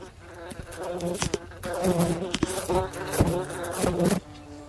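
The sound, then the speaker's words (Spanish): A cicada (Cicada lacunae texcocensis), endemic to the Valley of Mexico, buzzes steadily, its drone pulsing and swelling in waves for several seconds with sharp clicking bursts, with no voices present. “Aunque su nombramiento de mosca responde más a un entendimiento coloquial debido a su tamaño y color, este insecto realmente pertenece a la familia de las cigarras, siendo su nombre científico Cicada lacunae texcocensis.”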